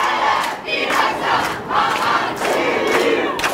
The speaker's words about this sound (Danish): som i eftermiddags landede i Københavns Lufthavn, hvor meningsfæller modtog hende med flag og slagord.